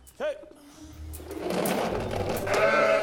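sheep bleating

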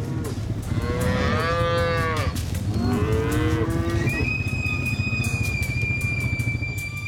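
cattle mooing

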